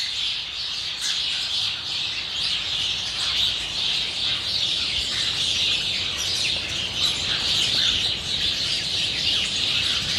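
A dense, continuous chatter of many starlings calling at once, a steady loud wall of squeaks and whistles from a large flock gathered close by, with no voices.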